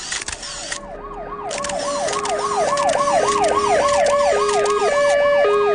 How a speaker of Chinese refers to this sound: 警车声和救护车声响成一片。